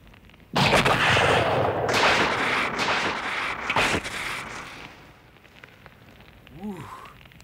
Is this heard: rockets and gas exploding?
yes